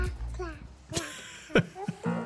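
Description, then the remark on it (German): A baby babbles in a string of short, wordless coos and squeals with rising and falling pitch at the start of a song from 2026, fairly clear, over a faint low hum. “Und das finde ich ganz lustig, der fängt mit so einem komischen Babygebrabbel an.”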